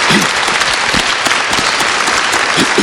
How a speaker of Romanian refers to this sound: Vă rog să aplaudați.